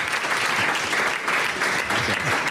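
Steady applause from an audience for a chef from the restaurant Lari and the whole kitchen team, dense clapping that stays loud and even throughout with no voices rising above it.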